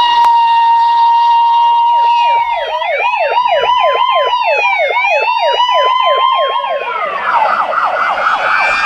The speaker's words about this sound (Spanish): Ayer sonaron las sirenas, miembros del Cuerpo de Bomberos de Azogues participaron en horas de la mañana de un desfile y luego la sesión solemne en el marco de la fiesta anticipada por el Día del Bombero Ecuatoriano que se celebrará el día de mañana,